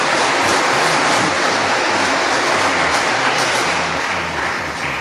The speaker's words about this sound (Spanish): Y demos un aplauso porque hay miles que nos están viendo a través de las redes, el YouTube y todo eso. Quizás muchos están enfermos en su casa. Mandémoslos un aplauso, haciéndoles saber que los queremos.